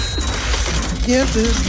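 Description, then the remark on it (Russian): A slot-machine-style radio contest jingle, a warning signal played in the middle of songs: a busy mechanical clatter and whir, then a couple of short bright electronic tones near the end, loud with no talking. “Вот сигнал должен быть... Это вот, предубедительный. Сигнал должен быть такой.”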